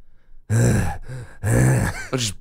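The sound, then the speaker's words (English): A person imitates a pet bulldog's heavy breathing and panting: loud, rough, grunting breaths in several bursts with brief pauses between, with no words. “Breathing really heavily. Sauce all around his mouth. Oh, no. Panting.”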